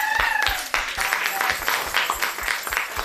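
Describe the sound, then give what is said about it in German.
A burst of applause for a school class from the Theodor-Wuppermann-Hauptschule in Leverkusen on a visit to the Jewish Museum in Berlin: dense irregular clapping that stays steady and fairly loud throughout, with a few brief tonal cheers or whistles mixed in near the start. “Applaus für euch.”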